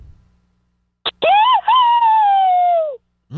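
A woman lets out a single loud, high-pitched scream lasting under two seconds, with a brief break near the start and a pitch that slowly sinks before cutting off.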